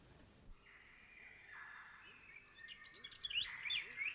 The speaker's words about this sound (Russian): Слышите? Снова прилетели птицы.